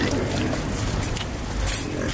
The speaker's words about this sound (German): Rund 30 Schweine grunzen fröhlich